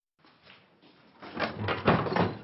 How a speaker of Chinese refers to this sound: 碧雪华打开门，看到了捧着鲜花的陈宝山。